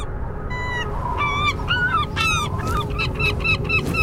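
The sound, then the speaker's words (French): Seagulls gliding on the wind call over and over in a quick series of harsh, nasal cries, some overlapping, fairly loud above a steady rushing background of wind. “Les goélands, eux, s'amusent à planer, portés par le vent.”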